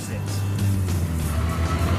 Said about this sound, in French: Tu entends ça? Quelle merveille! Voilà une vraie voiture. On sait que c'est un 6 en ligne dès qu'on monte dans la voiture. Le bruit est incomparable. Même le bruit de l'échappement est agréable.